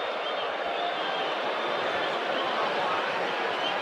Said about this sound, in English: And the boos for the move to first base. I love it. There's been great crowds here.